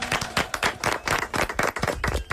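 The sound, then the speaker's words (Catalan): Loud, steady applause from a crowd: many hands clapping densely and continuously for a couple of seconds, with no voices over it. “Fort aplaudiment.”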